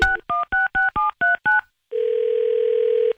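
Seven quick touch-tone beeps from a phone keypad being dialed in an even rhythm, followed by a steady ringback-style tone lasting over a second, clear with no talking.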